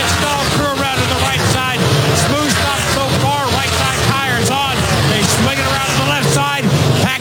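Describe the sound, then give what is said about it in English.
Steady, loud racing-car engine noise at a stock car pit stop as Ty Gibbs's car comes down pit road and stops; Sunoco fuel goes in and left-side tires go on. Overlapping voices and crowd babble are layered on top throughout, with no clear pauses or quiet moments. “Ty Gibbs coming down pit road. He said the car's a little bit tight. Comes to a stop.”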